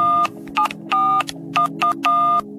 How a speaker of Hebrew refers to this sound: אנחנו מחייגים, המערכת מחייגת ממספר חסום, אז דיר בלך לא לענות.